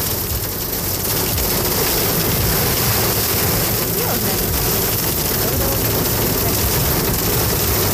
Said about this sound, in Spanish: Qué manera de llover, granizando, granizando. Los granizos. Al menos el último reporte de El Salvador.